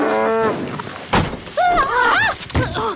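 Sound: angry cow mooing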